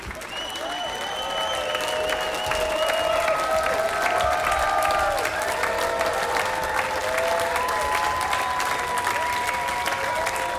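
An audience claps wildly and continuously at the end of a Polish band's concert set at the Colors of Ostrava festival, a dense, loud roar of applause that holds steady for about ten seconds, with sustained wavering tones ringing above it.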